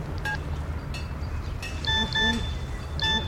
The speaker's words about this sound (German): Was? Eine SMS?